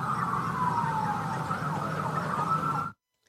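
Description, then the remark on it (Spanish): A police siren wails steadily, its tone sliding slowly downward over a rumble of traffic, loud, then cuts off abruptly into silence. “Hoy nomás se quedó la patrulla.”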